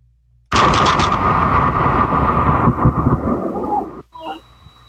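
A lightning strike hits a man during a rainy thunderstorm, captured on a doorbell camera, with a sudden, loud crack that becomes a dense roar of thunder for about three and a half seconds, then drops away abruptly, leaving a faint thin tone and brief murmuring.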